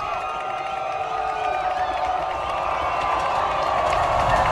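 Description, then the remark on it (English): A football crowd at a Skyview versus Miners game roars with sustained cheering ahead of a 29-yard field goal attempt, a dense wash of many voices that holds steady and swells slightly louder toward the end, with scattered whoops rising above it. “So the crowd's getting excited.”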